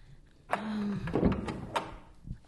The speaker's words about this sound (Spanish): Alguien está tocando la puerta, mamá.